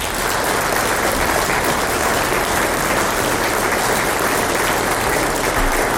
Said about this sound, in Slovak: Ešte raz poprosím veľký potlesk.